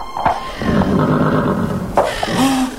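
A horse, one of two grazing horses without saddles or bridles, neighs loudly, a long quavering whinny that breaks and surges again toward the end, with no voices around it.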